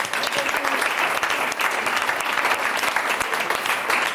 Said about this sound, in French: Ça fait deux fois que monsieur répond à un bonus cette semaine. On peut l'applaudir. Bravo.